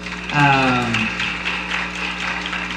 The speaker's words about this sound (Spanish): Creo que es digno de aplaudir, hermanos.